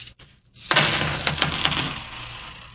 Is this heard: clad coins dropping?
yes